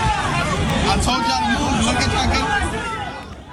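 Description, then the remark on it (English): A chaotic crowd lined up outside a store in New York in the morning for a watch release: a dense hubbub of many overlapping voices chattering and calling out at once, steady and loud throughout, easing slightly near the end. “And that closure came after scenes like this in New York this morning where chaotic crowds lined up.”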